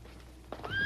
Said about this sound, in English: I'll get our horses ready.